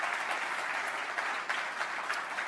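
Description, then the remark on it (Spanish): An audience applauds loudly for the Lord, a dense wash of many hands clapping at an even, fairly loud level throughout, with no voices standing out. “Si le vale el aplauso, dáselo fuerte al Señor.”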